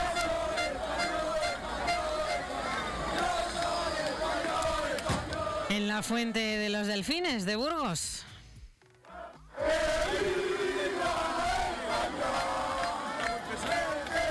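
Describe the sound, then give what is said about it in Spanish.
A dense, roaring street crowd in Ávila, Castilla y León, celebrates the Spanish national team's football win, with loud cheering and chanting throughout, a stretch of rising and falling whoops or horn-like tones, then a brief lull before the roar returns. A voice speaks over it. “Así sonó la victoria de la selección en las calles, en las plazas, en los bares, en las casas de Castilla y León y, por ejemplo, en Ávila.”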